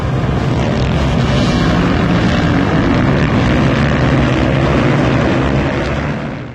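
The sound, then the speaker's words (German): Loud, continuous engine roar from several stunt motorcycles revving together at a motorcycle stunt event held over a weekend at Eilstedt airfield, Germany, where over 650 stunt riders gathered. A dense droning rumble stays steady throughout and fades slightly at the very end, with no voices. “Über 650 Motorrad-Stuntfahrer aus Deutschland, Europa und der ganzen Welt trafen sich vom 6.”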